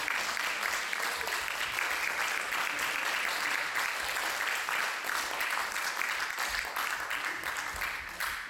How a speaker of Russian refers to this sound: А пока давайте, конечно же, искупаем в аплодисментах. Бурных аплодисментов.